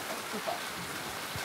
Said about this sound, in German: Warum regnet es jetzt? Das finde ich total schade.